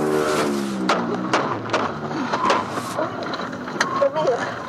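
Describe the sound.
A car engine revs hard, its tone climbing and wavering, while sharp knocks and clatters break in and muffled voices sound faintly underneath; the car is being followed during a chase, recorded by the vehicle's security cameras.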